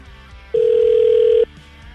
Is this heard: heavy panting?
no